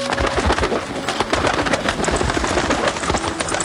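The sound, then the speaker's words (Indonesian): A beautiful bird in a forest coos in low, repeated calls over a steady wash of rain-like noise, continuous throughout. “Wah, indah sekali burung itu.”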